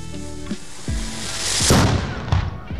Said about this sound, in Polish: Rozpoczęliśmy dzisiejsze spotkanie od wystrzałów artyleryjskich.